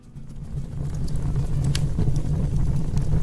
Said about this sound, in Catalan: Home, això és un foc a terra? Això és una xamanella, no? Sí. Oímos el crepitar de la leña al fuego en invierno